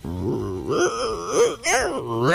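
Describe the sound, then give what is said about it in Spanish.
A person imitates an adult lion's roar, a loud, drawn-out growling groan with wavering pitch, rising and falling over a couple of seconds with a brief dip in the middle. “Claro, ¿y un león adulto? ¿Cómo sería?”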